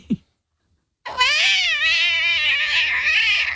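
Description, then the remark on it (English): After a brief soft sound and a second of silence, a voice imitates a cat that slips and falls down the stairs, with one long, loud, wavering yowl that holds steady for over two seconds before breaking off. “What about a cat that slips over and falls down the stairs?”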